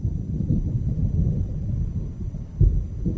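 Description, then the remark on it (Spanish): A deep, continuous rumble of thunder rolls low and steady, swelling with a heavier boom near the end. No one speaks. “Cuando Moisés recibió los 10 mandamientos de parte de Dios, truenos y relámpagos cubrían la montaña.”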